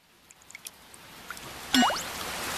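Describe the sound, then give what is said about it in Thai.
A few scattered drops tap at first, then a sudden rush swells into a steady, fairly loud hiss of rain pouring down, with no voices. “ฝนตกแล้วล่ะห้อง แย่แล้วขอรับ”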